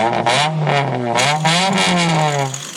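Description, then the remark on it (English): A loud souped-up muscle car engine, rebuilt with a roll cage and painted black, revs with a deep, throaty rumble as cars roll onto a derby field, its pitch rising and falling in a continuous growl with no voices. “At 8 a.m., they opened the door and 10 souped-up muscle cars rolled in.”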